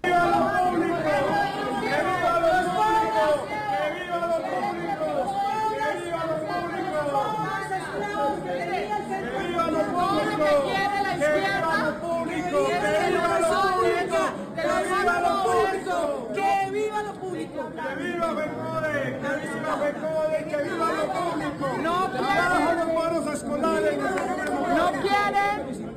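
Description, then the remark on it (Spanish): A crowd shouting outside the chamber during a political debate in Colombia, many voices overlapping in a loud, continuous din with no pauses, steady for the whole stretch, individual cries rising briefly above the mass. “Esta fue la pelea, pero también la gritería a las afueras del recinto.”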